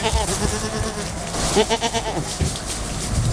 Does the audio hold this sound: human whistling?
no